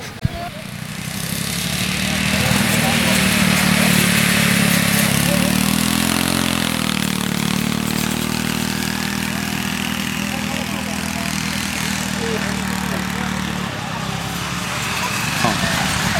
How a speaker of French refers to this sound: Bonjour, vous avez essayé les tracteurs tondeuses ? Oui, bonjour, oui, j'ai bien sûr fait un essai avant d'être bénévole et d'aider.